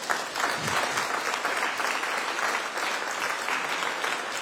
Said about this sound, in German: Und sogar mal Applaus für alle, die schon immer dabei waren.